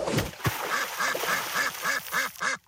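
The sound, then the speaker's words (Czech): Frightened ducks on a pond quack in a rapid, steady series of about nine nasal calls, loud, after a couple of brief thumps at the start, as two slippers kicked out of a window fall into the pond among them. No one speaks. “Vykopl oknem své dva královské pantofle, až spadly do rybníka mezi polekané kačeny.”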